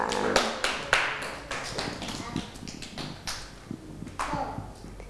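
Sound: children clapping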